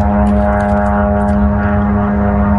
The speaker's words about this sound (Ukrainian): Від ранку Запоріжжя під атакою ворожих безпілотників.